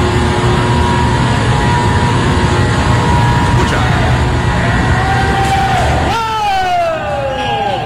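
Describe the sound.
A machine with a part on top that turns is switched on: a loud, dense mechanical roar with steady hums, then near the end a whining tone that climbs steadily in pitch as it spins up. A voice speaks briefly.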